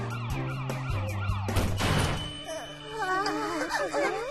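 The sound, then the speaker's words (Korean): An approaching police car siren wails in repeated rising and falling sweeps, interrupted midway by a loud crashing burst, then continues as warbling tones over a steady musical backdrop. “신고도 안 했는데 벌써 경찰차가 온다고?”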